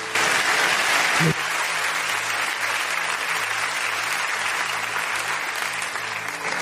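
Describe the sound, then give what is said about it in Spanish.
An audience applauds the Lord steadily, a dense wash of clapping from many hands lasting several seconds at an even, sustained level. “Vamos a dar un aplauso al Señor.”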